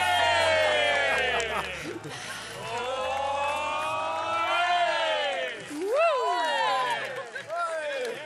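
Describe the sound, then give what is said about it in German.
A crowd of many voices, an audience at an evening summer party celebrating after a close contest was won, shouts and whoops together in loud, continuous celebration, with overlapping excited cries rising and falling, dense throughout, punctuated by a few higher yells near the end. “Und also hier wird sich gefreut. Und wir freuen uns noch ein bisschen mit. Wir feiern noch diesen Abend.”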